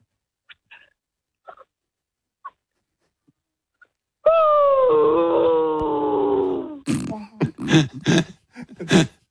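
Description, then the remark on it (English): A 13-year-old's voice imitates a sad, whimpering dog that has just been killed playing Fortnite: a long, drawn-out whine that slowly falls in pitch, followed by a few short, choppy yelps and sobs, fairly loud. “Okay, can you be a dog who's just been killed playing Fortnite, please?”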